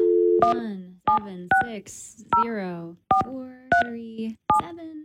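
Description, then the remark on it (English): A rapid series of electronic keypad dialing tones, about a dozen short beeps in quick succession, each pair of pitches distinct and fairly loud, as an 11-digit phone number for a complaint hotline is punched in. “There's a phone number here. Should we try it?”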